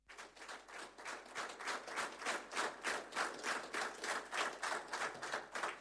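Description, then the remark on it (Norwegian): A live audience at a live music recording claps steadily in rhythm, a dense crowd of hands hitting a quick, even beat together, loud throughout with no one talking. “og det er en live optagelse. Så lad publikum der på.”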